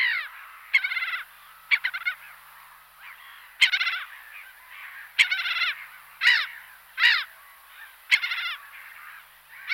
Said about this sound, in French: Autre oiseau d'eau, puisqu'on est en plein dedans, c'est la mouette rieuse.